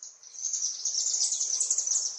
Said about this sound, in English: Here I have the bird sounds playing from a Bluetooth speaker. I have a bunch of birds flying above me, a bunch of chimney swifts